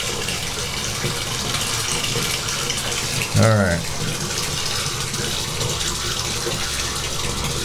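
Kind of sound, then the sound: household object, hot water running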